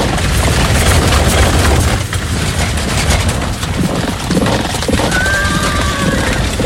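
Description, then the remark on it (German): Six hundred horse-drawn war chariots thunder out of the city heading east in a loud, continuous roar of rumbling wheels and clattering hooves, with a high horse whinny rising near the end. No one speaks. “Und kurz darauf rasselten donnernd 600 der besten Kampfwagen aus der Stadt nach Osten.”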